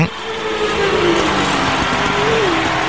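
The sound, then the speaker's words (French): A loud engine runs steadily in a racing paddock, its droning pitch rising and falling slightly across three seconds amid broad mechanical noise and indistinct voices. “je voudrais bien entendre un peu des moteurs tourner.”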